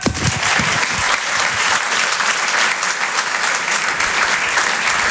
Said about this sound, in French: Et je vous demande de l'applaudir très fort. Monsieur Tom Villa.